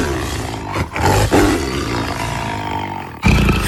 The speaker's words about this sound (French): Alors, je dirais que ça ressemble quand même vachement à un lion. Je sens qu'il y a un piège, je ne sais pas pourquoi.